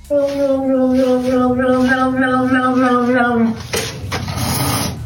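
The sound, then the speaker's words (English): A cat, confronted with slippers that have little cat faces on them, lets out a long, wavering, tonal yowl lasting a few seconds, then breaks into a harsh, breathy hiss that continues loudly to the end. “That is exactly how a cat would say no. Not politely, not gently, just full dramatic refusal with a little hiss.”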